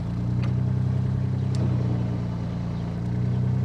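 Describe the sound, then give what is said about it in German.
A boat motor churns loudly, a deep steady drone with slight surges in power, running on its own without any voices over it, as the boat is stuck in the mud of the Steinhuder Meer lake in Germany, unable to move forward or backward. “Wenn Heiko Gruschka mit seinem Boot ablegt, muss er schon genau gucken, wo er hinfährt, sonst steckt er im Schlamm.”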